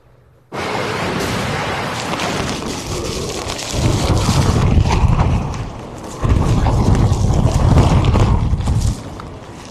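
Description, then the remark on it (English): Heavy rain hisses steadily and loudly during severe weather at Pensacola Beach, Florida, broken by two long, deep rolls of thunder that swell and rumble for several seconds each, with no voices. “That, again, the video from Pensacola Beach, Kiana, pretty amazing. Yeah, we had extended severe weather coming through today.”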